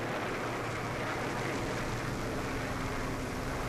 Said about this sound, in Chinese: 美国飞机这几天老在这转，怕不是好事啊。